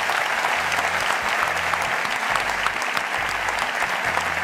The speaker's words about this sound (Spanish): Así que da un fuerte aplauso para todos estos compañeros de la SER.